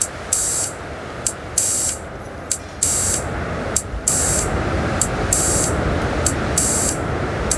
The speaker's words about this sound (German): Und parallel dazu habe ich mich mit den kleinen Soundgeräten ein bisschen warm gemacht, der im Hintergrund schon laufen hört. Ah, da hören wir den Filter rauschen.